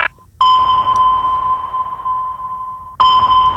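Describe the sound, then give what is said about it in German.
A loud, steady electronic tone hums for about two and a half seconds, framed by short bright beeps at the start and end, a phone-scanning sound effect on the radio station Hitradio RT1. No one speaks. “Hier ist Hitradio RT1 und ich scanne mal eben gerade ganz kurz eure privaten Playlisten auf dem Handy.”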